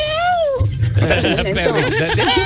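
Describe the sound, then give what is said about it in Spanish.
A small dog lets out a brief high, wavering whine, followed by a burst of overlapping voices and laughter-like chatter. “Aunque sea para escuchar, tienes que participar, perrito.”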